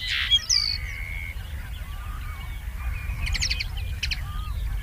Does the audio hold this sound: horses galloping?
no